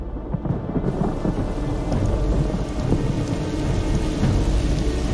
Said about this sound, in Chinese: 山地又迎来了雷雨频发的季节。